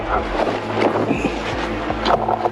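A low, steady motor hum of a reconnaissance drone circling overhead above woodland, heard through gusty wind noise on the microphone, its level wavering as the motor sound moves alternately nearer and farther. No one speaks.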